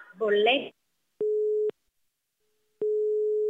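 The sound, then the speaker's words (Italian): A brief voice is followed by a phone busy tone after the call is hung up: steady mid-pitched beeps, one about half a second long, a pause, then another starting, clear as if through the handset. “Ma che cazzo fai? Mi butti giù il telefono?”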